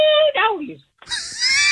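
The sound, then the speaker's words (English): A person lets out a loud, drawn-out primal scream in two bursts, the first wavering and falling off, then a brief silence before a second, higher, straining cry. “Are you up to giving me a Primal Scream right now?”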